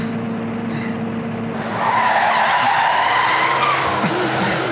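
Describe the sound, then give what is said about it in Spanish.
A car screeches in, tires squealing loudly across the pavement while the engine hums underneath, the skid growing louder and holding steady near the end. “acerca el carro. Vamos a sacarlo de aquí.”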